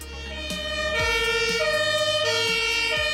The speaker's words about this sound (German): Und nicht erschrecken, wenn Sie jetzt das Martinshorn hören, dann kommt das aus dem Radio.